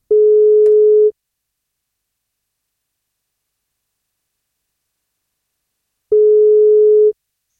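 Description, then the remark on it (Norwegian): Two long, steady ringback tones from an outgoing phone call, each about a second, separated by roughly five seconds of silence. The tone is clear and even, with no voices. “men for at han skal få kake, så må han svare på telefon, så da prøver vi å ringe til han.”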